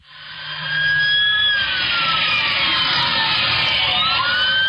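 Police sirens on a police dispatch call recording, during a pursuit of a blue Toyota Corolla, wail loudly and continuously, their rising and falling tones overlapping over a dense, rumbling background, with no talking heard.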